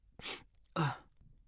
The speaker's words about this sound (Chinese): 唐三打了一个喷嚏，揉了揉自己的鼻子。